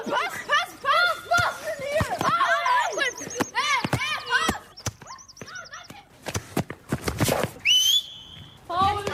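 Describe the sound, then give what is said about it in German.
A busy schoolyard football game on a fenced pitch with two goals in a school playground: children shout and call out, shrill whistle blasts cut through several times, and sharp thumps of a ball being kicked punctuate the noise. “Ein eingezäunter Fußballplatz mit 2 Toren, das Geräusch des Balles, Schreie und Pfiffe von den unterschiedlichsten Schülern.”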